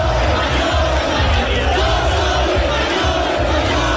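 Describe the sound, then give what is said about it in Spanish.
A large crowd of far-right protesters at the Puerta del Sol chants and shouts together in a loud, continuous roar, the recurring chant against Pedro Sánchez, voices rising in rhythmic bursts of collective yelling with no pause. “Y el grito recurrente contra Pedro Sánchez, mucha atención en estos momentos, siguen llegando extremistas”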